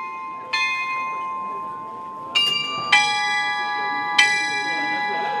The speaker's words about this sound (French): Avant les téléphones portables, avant les montres connectées, il y avait un repère commun, le clocher. Dans beaucoup de communes, les cloches rythmaient la journée. Elles annonçaient les offices, les cérémonies, parfois les événements exceptionnels.